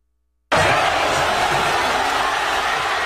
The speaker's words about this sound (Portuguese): Por exemplo, olha só como foi a comemoração da torcida espanhola em Madrid.